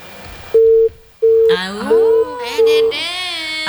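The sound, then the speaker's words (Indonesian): A telephone busy tone after a call drops beeps four times in an even on-off rhythm, steady and fairly loud, while a person's voice rises over the later beeps. “Tidak usah jeleki jaringannya. Telepon Ki kembali deh”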